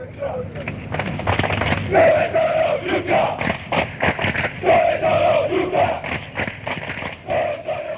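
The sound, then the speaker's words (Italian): A large crowd of football fans chants 'Dove sono gli ultrà' in unison, mocking absent opposing supporters, a loud, rhythmic stadium chant with sustained sung phrases repeating over a dense roar of voices. “Dove sono l'ultra, questa si grida la tifoseria avversaria quando loro non si presentano lì, o quando sono in pochi, o quando arrivano tardi, o quando non ci sono davvero.”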